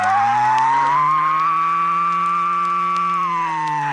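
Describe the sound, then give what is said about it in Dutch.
A voice imitates a hair dryer: a steady fingerless whistle held over a low hummed drone, both sustained evenly and fairly loud for about four seconds, with no talking. “De haardroger bestaat uit een vingerloze fluit en een lage neurieklank.”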